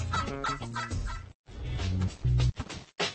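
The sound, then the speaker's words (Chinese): A turkey gobbles in loud, rapid rattling bursts, with a brief pause between calls and a short final gobble at the end. “所有火鸡在炫耀肉锤时都有上佳表现。”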